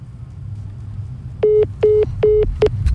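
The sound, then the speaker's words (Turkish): A caller's phone line to a broadcast cuts off into four short, evenly spaced electronic beeps, loud, following a stretch of low background rumble. “Muhammed Salah'ı duyunca telefon kapandı.”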